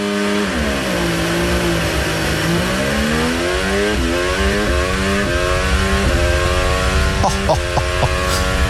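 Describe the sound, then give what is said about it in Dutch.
A Formula 1 car screams away from a race start, recorded onboard, pulling away in second gear and taking the inside line, its engine note climbing and dropping through several quick upshifts, loud, with no voices. “Hier de start vanaf de auto van Russell”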